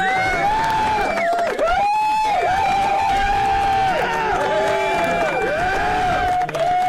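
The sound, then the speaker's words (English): A steady crowd cheers and applauds for about seven seconds, with rising and falling whoops and whistles riding over a dense wash of clapping at a constant, loud level. “So big round of applause to”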